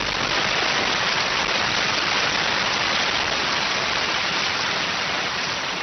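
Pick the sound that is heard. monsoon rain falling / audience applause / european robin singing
monsoon rain falling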